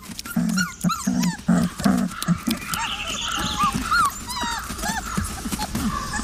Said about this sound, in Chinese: 幼崽嗷嗷待哺，向母亲乞求食物。